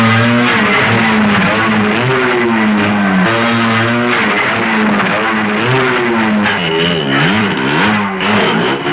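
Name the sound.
police car driving off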